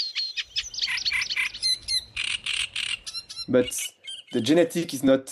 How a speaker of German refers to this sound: Nah verwandte Arten haben oft ähnliche Gesänge, wie der Teich, der Sumpf und der Drosselrohrsänger.